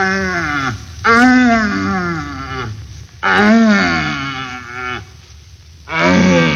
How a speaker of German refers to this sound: Hirschbrunst hat begonnen. Wir pirschen mit einem Jäger durch den Wald zu einem ihm wohlbekannten Brunftplatze und hören auf dem Wege dorthin nacheinander schwache, mittelstarke und ganz starke suchende Hirsche, deren Verlauten man auch Knören nennt.